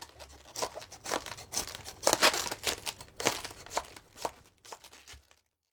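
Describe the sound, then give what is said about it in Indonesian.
A knife slices into a raw cabbage, cutting slowly with fairly shallow cuts around the hard core, with a string of crisp, crunchy snaps and squeaky crackles in an irregular rhythm, heard alone without any talking. “Potong perlahan dengan membuat sayatan yang agak dangkal.”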